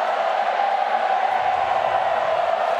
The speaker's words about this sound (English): We've got a nervous crowd now, not an excited crowd. It's Freo fans who are making a din.